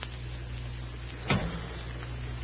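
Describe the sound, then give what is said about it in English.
A single solid car door thunk lands midway through a steady low engine-like hum as a person opens a maroon car and slides into the front seat beside the man behind the wheel, followed by a brief shuffle of settling in; no one speaks. “I pulled the car open and slid into the front seat.”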